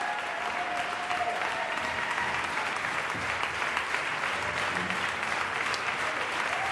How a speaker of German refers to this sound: Und jetzt machen Sie Platz für Georges Petrou, den Dirigenten und Regisseur, der den Jubel der Menge genießen darf. Und jetzt auch seinem Orchester den verdienten Applaus zukommen lässt.